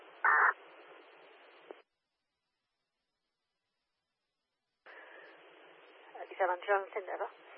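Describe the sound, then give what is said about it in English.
Two bursts of band-limited, hissy two-way radio transmission separated by a few seconds of dead silence, with a distorted voice breaking up inside the static, loud and unintelligible. “Bad comms, we'll give you a call on the phone, over.”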